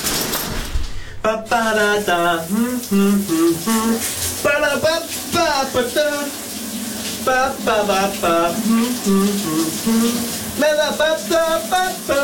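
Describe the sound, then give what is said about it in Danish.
A man belts out a big Danish hit song in the shower on a Monday morning, with long, wavering, loud notes over the steady hiss of a running shower spraying water throughout. “det bedste ved en mandag morgen, det er altså at høre … skråle i bruseren”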